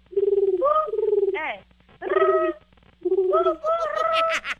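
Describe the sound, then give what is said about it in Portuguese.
A woman imitates a pigeon's cooing as a challenge to win a prize, in three warbling bursts, low throaty coos rising into a trilling flutter, fairly loud with brief pauses between. “Mas, ó, vai ter que imitar o barulho de um pombo, consegue?”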